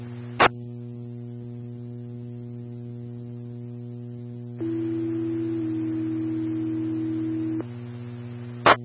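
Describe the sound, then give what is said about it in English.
Fire dispatch paging tones alerting Aztec Engine 1 to a carbon monoxide alarm call in Aztec: one steady pitch for about a second, then a slightly higher tone held for two more, over constant electrical radio hum, with sharp squelch clicks at start and end. “Aztec Engine 1, standby for tones.”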